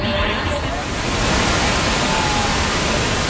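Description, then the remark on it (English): A roaring waterfall that straddles the border between the United States and Canada pours steadily, a dense, continuous rush of white noise that stays loud and even from start to finish. “The majestic fall straddles the two countries.”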